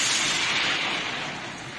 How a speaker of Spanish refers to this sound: Mándame otra vez la señal, Dios mío, que el trueno no me dejó escucharte.